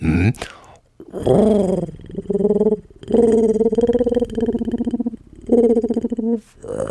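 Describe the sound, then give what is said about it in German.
A person imitates a sad pigeon, making about five low, drawn-out, wavering coos in close succession with short pauses between them, loudly. “Pass auf, eine traurige Taube.”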